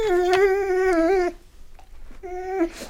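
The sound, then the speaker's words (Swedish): A dog named Luffe howls loudly in a long, steady, wavering tone, pauses briefly, then lets out a second shorter howl. “Gordon visste inte att hundar kunde yla så högt.”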